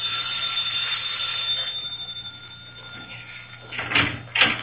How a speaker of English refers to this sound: Now, first, I rang the bell.